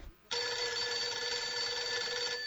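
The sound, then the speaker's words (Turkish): A telephone rings in one continuous burst of about two seconds, a bright, buzzing metallic trill that starts abruptly and holds a steady loudness before cutting off, with no voices. “Ben açayım mı? Lüzumu yok, lüzumu yok. Ben açarım.”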